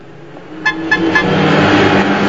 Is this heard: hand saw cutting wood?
no